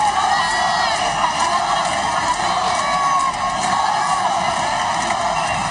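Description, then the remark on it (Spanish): A large crowd of Ceuta residents cheers and chants as the Spanish king and queen step out of the official car to greet them, a dense, steady roar of many voices, loud and continuous throughout with no pauses, including chants in favor of national sovereignty. “Un momento de júbilo y de ilusión en el que también se han pronunciado cánticos en favor de la soberanía nacional.”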